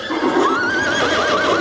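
A horse whinnies loudly in one long, shaky call that wavers up and down in pitch for over a second, with no voices around it.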